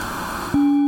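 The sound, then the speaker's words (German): Hissing white noise shaped by a resonant filter, with a mid-range band emphasised; about halfway through it narrows abruptly into a steady, loud, pure-sounding hum with faint overtones. “jetzt haben wir einen Filter mit einer Resonanz, die einen bestimmten Teilbereich des Spektrums jetzt überbetont”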